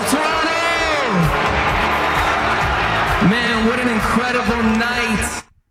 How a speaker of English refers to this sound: Just gonna ignore the boos. Just gonna ignore everybody booing me and just, hey man, just say, yeah, this is awesome.